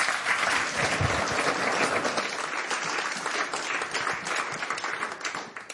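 A crowd applauds steadily, a dense wash of many hands clapping that holds strong throughout and tapers only slightly at the end.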